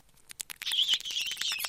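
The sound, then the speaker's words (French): A gerbil kept in a cage at a school squeaks: a few quick scratchy clicks, then a run of shrill, wavering high-pitched squeaks and chirps that continues to the end, with no voices. “Aujourd'hui, on va interroger une gerbille pour voir ce qu'elle en pense.”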